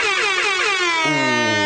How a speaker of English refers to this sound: Ooh, loads of air horns. Right. An air horn will always make me laugh.